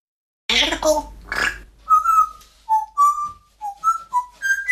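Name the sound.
parrot whistling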